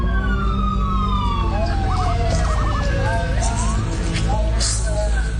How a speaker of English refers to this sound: But on Wednesday, September 3rd, at around 4 in the morning, they were awoken by the sound of sirens.